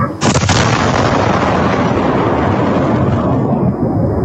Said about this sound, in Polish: Była potężna eksplozja, jest kilkunastometrowy lej. Efekt uderzenia słyszymy na nagraniu z kamery monitoringu na jednym z domów.